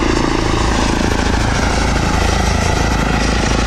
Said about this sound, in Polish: W porównaniu do helikoptera jest mega cichy. Tak, zdecydowanie to jest główna zaleta samolotów elektrycznych